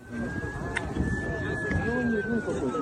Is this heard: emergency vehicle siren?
yes